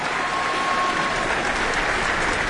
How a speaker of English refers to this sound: And Elena Schwartz holds the score to the work up high. That brought that extra round of applause there. Brandished it well above her head to the audience here.